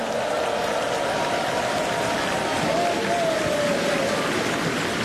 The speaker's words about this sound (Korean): 힘찬 무대를 보여준 우리 어린이 합창단에게 다시 한번 큰 박수 보내주시기 바랍니다.